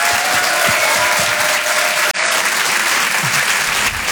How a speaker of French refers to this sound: Je vous demande de l'encourager, on peut l'applaudir très très fort. Voici Didou sur Rire et Chanson.